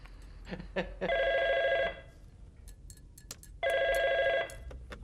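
A telephone rings twice, each ring a steady, bright warbling tone lasting about a second with a pause between, fairly loud over faint room noise and a few scattered clicks.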